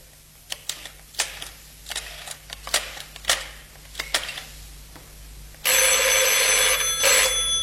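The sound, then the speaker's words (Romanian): A run of sharp clicks and taps, like a phone being dialed, gives way to a loud, continuous old-style telephone bell ringing for the last couple of seconds, as a call is placed to the cooperative's home service. “zică, Sărmăluțe, am găsit, dau chiar acum telefon.”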